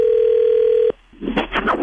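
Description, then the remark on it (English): A steady, droning telephone tone holds for almost a second and cuts off abruptly as a woman calls her husband, then a brief pause before a voice answers on the line. “Let's call your husband”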